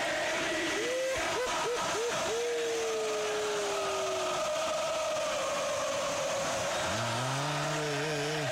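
Boca fans in a stadium at a football match against Sarmiento chant loudly in unison, their massed voices rising and falling in long sung notes over a steady roar of crowd noise.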